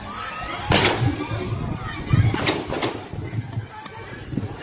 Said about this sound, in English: A video clip of Sunday's incident has gone viral on social media, and in it, a number of gunshots can be heard while congregants continue to pray.